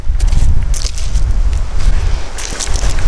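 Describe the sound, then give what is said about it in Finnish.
Strong wind roars and buffets the microphone in a steady low rumble outdoors at a lakeshore building site in North Karelia, Finland, with crunchy footsteps and crackling underfoot as someone walks to an old red log cabin and climbs over a log onto its threshold. No one speaks. “Ja mennäänkin muuten kovassa tuulessa.”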